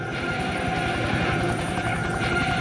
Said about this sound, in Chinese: 低空飞过来的是来自陆军航空兵的武装直升机梯队，分别由25架不同型号的直升机编成。这些直升机可以执行勤务、侦察、通信、战场监控、救护和对地攻击任务。